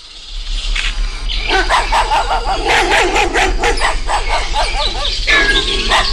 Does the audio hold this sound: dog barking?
yes